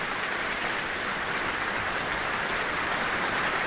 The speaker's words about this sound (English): accepting the applause from the audience here in the Michael Fowler Centre.